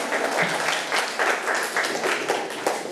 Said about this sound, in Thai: เก่งมากเลยนะครับปรบมือให้เพื่อนหน่อยครับ